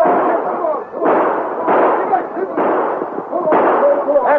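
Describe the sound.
Train passengers fire a handful of parting gunshots after retreating horseback attackers, the shots ringing out at uneven intervals, each a sharp loud crack with a short tail, over a steady rumble and indistinct voices.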